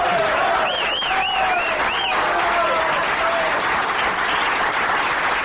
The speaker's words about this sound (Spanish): Bueno, no aplauden tan largo, me voy a chupar hasta que termine de aplaudir.